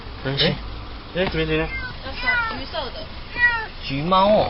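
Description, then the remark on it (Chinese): A kitten trapped in the engine compartment of a car parked at the roadside in Gushan District, Kaohsiung, meows over and over, high-pitched and urgent, with half a dozen plaintive cries in quick succession over a low background hum. “高雄市警局古山分局龙华所员警到场，确定有一只幼猫受困在路边车辆的引擎室内，随即通报动保处，并与现场热心民众展开救援。”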